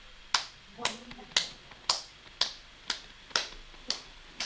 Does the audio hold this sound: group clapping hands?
yes